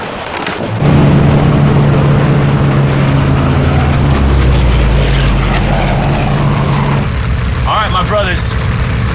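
Fighter aircraft engines in flight, a loud, steady roar that swells in within the first second and drones on without pause, with a voice briefly speaking over it near the end.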